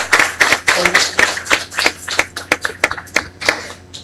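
A parish audience gives a warm round of applause welcoming a visiting priest, a dense mix of many hands with sharper individual claps standing out, fairly loud throughout with no voices over it.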